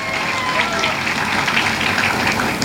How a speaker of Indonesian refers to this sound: Berikan tepuk tangannya.